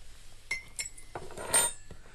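Cutlery and dishes clink during a family lunch eaten in silence: several sharp, bright metallic taps and scrapes in an irregular rhythm, with a louder ringing clatter near the middle and no voices.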